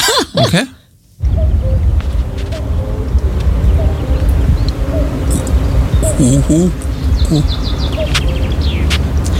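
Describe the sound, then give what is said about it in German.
A common cuckoo calls on a mountain hike, its soft two-note song repeating over steady outdoor wind rumble, with a brief louder burst of noise at the start. “Genau, also das ist ein Kuckuck,”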